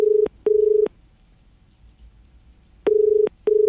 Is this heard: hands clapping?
no